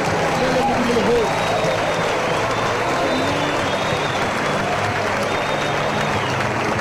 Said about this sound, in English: Let us clap to Jesus.